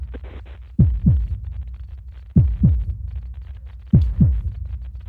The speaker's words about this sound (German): Es ist das Abnehmen der Schutzkappe bei einer Gasflasche.